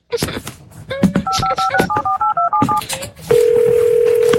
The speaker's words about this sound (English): I'm gonna make a phone call.